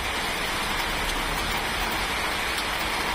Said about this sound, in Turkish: Sağanak ve rüzgarın etkisiyle Şişli'de iki ağaç devrildi. Olayda iki araçta hasar oluştu.